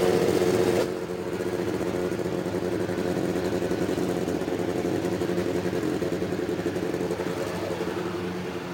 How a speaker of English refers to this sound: And there it is, the start of the 33 engines up and down the main straightaway. The 11 rows of three as they are set to roll off for the pace laps.